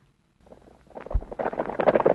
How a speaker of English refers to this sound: The sound of horses running.